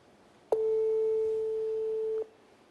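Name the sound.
telephone tone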